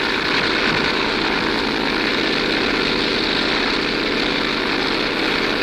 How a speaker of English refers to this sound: He'll never get off the ground. It's too wet. Plane's too heavily loaded.